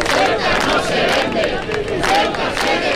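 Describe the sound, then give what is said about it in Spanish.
A large crowd shouts together at a rally in support of Ceuta at the town hall (ayuntamiento) in Logroño, La Rioja, Spain, a dense, continuous roar of many voices with rising chant-like surges, loud and sustained throughout. Estimated 12,000 to 19,000 attendees, many carrying Spanish flags. “Escuchaban los gritos de la de Logroño, que fue multitudinaria en el ayuntamiento.”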